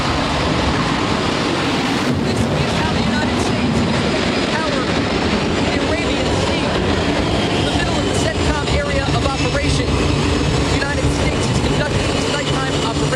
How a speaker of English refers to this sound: It's the middle of the night aboard the USS George Washington as the noisy flight deck is preparing to launch fighter jets into the dark abyss. The explosion of energy shakes the floating ground as an F/A-18 Super Hornet soars into the sky.